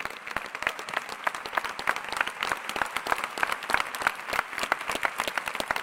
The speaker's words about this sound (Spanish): Ah, si es a Jesús, no está muy bueno el aplauso. Si es a Jesús, dáselo bien fuerte.